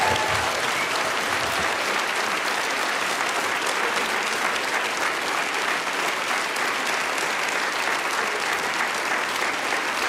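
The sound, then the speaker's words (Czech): A crowd applauds steadily for the full ten seconds, a dense, even wash of clapping that stays loud throughout with no pauses or speech on top. The applause is for comedians Jiří Krhut and Štěpán Kozub during a live broadcast of Tobogan in support of Ostrava's Hajma. “Potlesk pro Jirku Krhota, Štěpána Kozuba.”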